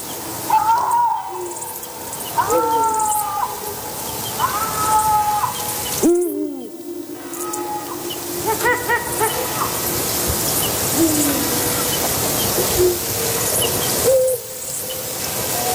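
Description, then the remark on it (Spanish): Lynxes give a series of drawn-out, wavering, harsh meows like an angry cat, repeating several times on an autumn night over a faint background of night insects. “escucharemos ahora enseguida unos maullidos como de un gato enfadado, unos maullidos destemplados, son los maullidos de los linces”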